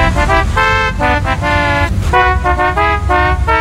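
A loud novelty car horn at A&M Autoland, programmed with a musical phrase, blares a quick melodic tune, a string of short and sustained honked notes in rhythm, over a low engine rumble with no talking.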